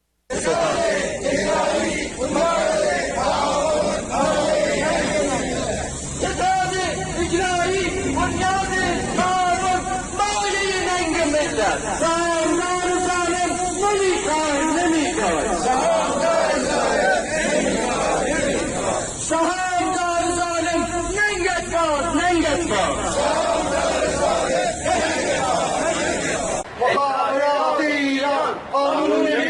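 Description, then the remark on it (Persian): A crowd of protesters who lost money in heavy-vehicle import cases chants loudly and continuously in unison in front of the Ministry of Industry, Mine and Trade building in Tehran, Iran, on the second day of protests, voices rising and falling in rhythmic shouted phrases over a dense babble of many people. “تصاویر رسیده به ایران اینترنشنال از دومین روز تجمعات اعتراضی مالباختگان پرونده های واردات خودروهای سنگین حکایت میکند.”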